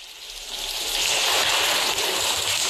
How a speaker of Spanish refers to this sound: Buenos días, la lluvia irá hoy a menos después de un miércoles de fuertes precipitaciones con acumulaciones de 59 litros por metro cuadrado en Gijón y vecinos achicando agua.